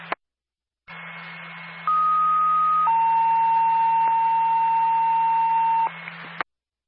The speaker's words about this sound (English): Linwood Ambulance Personnel, stand by for a tone.